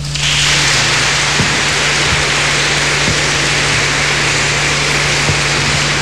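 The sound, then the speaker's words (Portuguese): Loud, sustained applause from a crowd at a Catholic parish gathering, given in gratitude after prayer, a dense, steady wash of clapping that holds at full strength for about six seconds, with a low steady hum beneath it. “E como forma de gratidão, vamos saudá-los com uma forte salva de palmas.”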